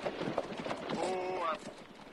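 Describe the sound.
A family's horse-drawn carriage pulls up in front of a hotel as the driver pulls on the reins; hooves clip-clop on a hard surface and slow to a halt, with a brief voiced call rising over the steady clopping before it fades.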